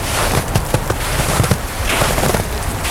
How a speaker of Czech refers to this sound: Máme tady křupání sněhu na cestě. A to je jako jo, paráda.